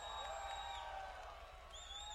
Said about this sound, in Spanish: Un aplauso grande